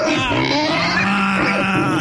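A loud pig grunting sound effect used as a contestant's buzzer in a quiz game, a dense, rough squealing grunt that runs steadily for about two seconds with no one talking.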